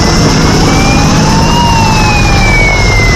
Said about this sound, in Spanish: Vuelve a ser el sonido de los helicópteros para coger agua, el de las alarmas, las sirenas que irrumpe un día más en la tranquilidad de pueblos de 5 provincias de Castilla y León